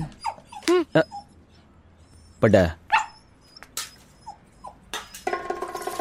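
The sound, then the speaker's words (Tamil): A dog whimpers and yelps in a few short, high-pitched bursts, with a couple of sharper barks in between. Faint background noise and a brief clatter come near the end. “அட பாவிகளா, நான் போட்ட டீ நாய்க்கா? என்னடா பண்ற நாய்க்கட?”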